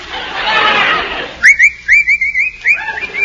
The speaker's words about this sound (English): What's the matter with you? What are you whistling for? Nothing. Can't a fellow whistle?